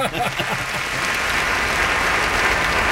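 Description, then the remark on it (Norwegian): Steady, loud artificial applause fills the whole stretch, a dense uniform wash of many hands with no breaks. A voice is briefly audible at the very start. “Jag ska ligga på någon som kunstig applaus.”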